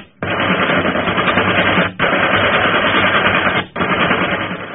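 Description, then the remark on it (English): Loud, rapid gunfire from a ship's guns firing on another ship rattles in three long sustained bursts, each broken by a brief pause, with a dense, harsh clatter and no voices. “Keep firing!”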